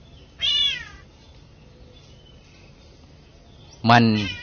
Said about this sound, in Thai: นี่ไปก่อนมาเนี่ยไปเห็นไอ้นกตัวหนึ่งมันแปลกดีอยู่นะไอ้นกตัวนี้มันแปลกมีเสียงไหมเนี่ยมันเป็นนกสั่งแซวแต่มันร้องเหมือนแมว